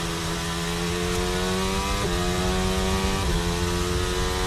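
Onboard Piastri's Formula 1 car, a high-revving racing engine roars steadily, its pitch dropping in two distinct steps as it shifts to third and then second gear before accelerating out, with a loud, buzzing harmonic whine throughout and no voices.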